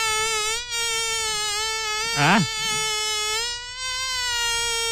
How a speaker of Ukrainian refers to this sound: Сьогодні у нас прекрасний звук, літній звук, який видає комар. Давайте послухаємо, як це звучить.